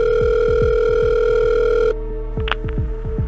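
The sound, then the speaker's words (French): A telephone line rings with steady electronic tones over a quick series of low repeating pulses during an emergency call to the fire brigade of Neuilly-les-Oxys, near Abbeville, on the morning of Valentine's Day 2018. Partway through, the tone abruptly shifts and grows quieter, with a brief higher chirp. No one speaks. “Le matin de la Saint-Valentin 2018, les parents de Jennifer Deforge appellent les pompiers de Neuilly-les-Oxys, près d'Abbeville.”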